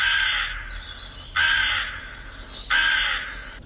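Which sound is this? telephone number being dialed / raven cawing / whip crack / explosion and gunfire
raven cawing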